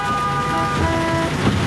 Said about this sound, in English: If this traffic ever lets up